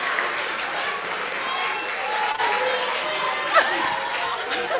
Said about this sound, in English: Please clap for them, your patron.